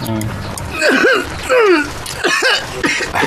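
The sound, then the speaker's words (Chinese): Someone gives several short, voiced coughs in a row, like deliberate throat-clearing ahems, each burst loud and separated by brief pauses. “哎，你老咳嗽什么呀？”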